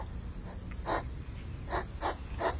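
A hedgehog snuffles in a back garden, giving four short, breathy snorting bursts at uneven intervals over a low, steady outdoor rumble.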